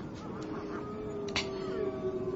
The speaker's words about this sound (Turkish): Anneciğim, bu sesler de ne? Kurtlar. Kurtlar mı? Evet, aç kurtların ulumalarıdır bunlar.